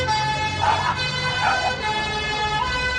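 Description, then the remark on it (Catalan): A fire engine siren wails steadily in the background, its pitch swelling and dipping in slow waves over a constant low engine rumble, with no clear voices. “Va veure un camió de bombers, després un policia que l'ajudava a posar-se dret.”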